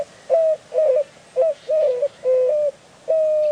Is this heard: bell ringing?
no